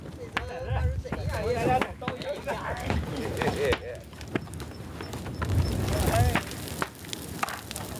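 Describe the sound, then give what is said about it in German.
A large fire burning gifts for the dead at a funeral rite crackles and pops with sharp, irregular snaps over a steady roar, while people talk throughout. “Verschickt werden die Geschenke am Ende mit einem großen Feuer in den Himmel gesendet.”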